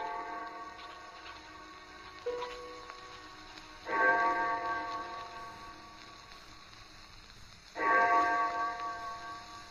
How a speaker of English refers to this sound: I had no idea how long I worked until I heard the clock of St. Jude's in the distance. It was 4 o'clock.